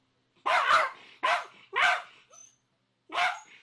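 A dog named Elli, rescued from a field, barks four times in short, sharp bursts, three in quick succession and then one more after a pause, each bark loud and clear with no voices over it.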